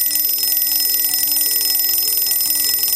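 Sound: alarm clock ringing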